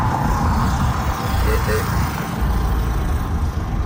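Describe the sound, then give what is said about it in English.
An old Model T car, over 100 years old, rumbles steadily across the Ambassador Bridge, its engine and road noise forming a continuous, fairly loud drone with faint murmuring in the background. “I'm looking at a Model T here, right here.”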